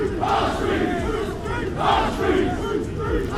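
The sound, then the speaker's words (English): A large crowd of demonstrators at the port of Dover, Kent, chants "Whose street? Our street." in unison, loud voices rising and falling in a repeated two-part rhythm with dense overlapping shouting throughout. “That was them shouting, "Whose street? Our street."”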